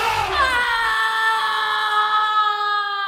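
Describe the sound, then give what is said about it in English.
A single long, loud scream holds a steady high pitch for about three seconds, sagging slightly toward the end, with no talking around it. “Did I just hear a scream?”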